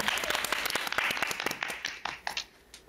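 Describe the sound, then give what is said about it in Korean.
Audience applause at a trot singing audition, just before a contestant sings, a dense burst of many hands clapping at once, loud at first and then thinning into scattered, sharper individual claps toward the end. “자, 박수! 박수!”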